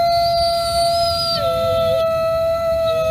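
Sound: wolf howling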